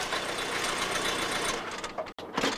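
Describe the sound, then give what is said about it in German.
A lord's car engine hums and rattles steadily as the car pulls up, the rumbling tone easing partway through before a brief break and a final burst of engine noise. No one speaks. “Wenig später fuhr der Lord mit seinem Auto vor.”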